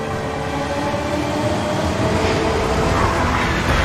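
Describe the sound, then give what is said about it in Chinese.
A Fuxing high-speed bullet train on the Beijing–Zhangjiakou high-speed railway in China rushes along the rails with a steady, loud roar and a faint tonal hum, continuous throughout with no voices. “在京张高铁上奔腾的复兴号动车组，安装有中国自主研发的北斗卫星导航系统，列车得以平稳准时地穿越高寒、风沙、山体等复杂地质，在世界上首次实现了时速350公里的自动驾驶”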